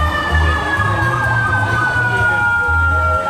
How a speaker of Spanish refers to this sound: Son los bomberos. Los bomberos pidiendo pasar justo por el sector.